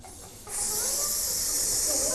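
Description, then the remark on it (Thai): A voice imitates a snake's hiss as heard in documentaries or films: a single loud, steady "sssss" that begins abruptly after a brief quiet moment and holds unbroken to the end. “แต่ปกติถ้าเราได้ยินเสียงงูตามสารคดีหรือว่าภาพยนตร์เสียงจะเป็นยังไงลองทำพร้อมกันสิใช่เลย”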